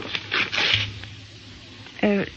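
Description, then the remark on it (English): Someone writes an address on a piece of paper in a few quick, scratchy strokes with faint rustling, over a low steady hum. A short burst of voice follows near the end. “Here's the key, and I'll write down the address so you'll be sure to find the house again.”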